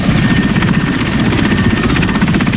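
A helicopter in flight roars steadily, heading to Mongualou about 80 km north of Boulia, its rotor producing a rapid, continuous chopping throb with a constant engine whine over the full stretch, and no voices are heard.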